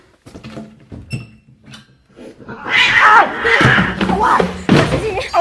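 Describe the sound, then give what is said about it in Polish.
A cat yowls loudly and angrily while being held by someone, its harsh wavering cries rising after a few quiet thumps, with scuffling and bumping noises mixed in as it struggles. “Puszczaj go! Zostaw kota, bydlaka!”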